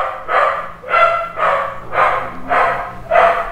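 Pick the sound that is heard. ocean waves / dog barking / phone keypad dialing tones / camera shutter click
dog barking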